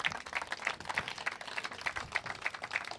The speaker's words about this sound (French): vous pouvez applaudir toute l'équipe du Hangar Zéro qu'on salue.